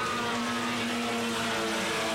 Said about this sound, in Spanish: Y vamos a cumplir el primer giro de carrera. Ahí vienen los Vía 600 acelerando a pleno. Escuchá.